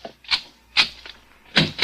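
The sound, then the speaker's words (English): A door being opened: a few sharp mechanical clacks and latch clicks spaced unevenly over a couple of seconds, with no one talking. “Open the other door”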